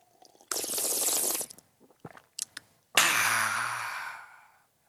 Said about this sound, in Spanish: ¡Ay, qué rico! Es más, me voy a tomar un sorbo de café.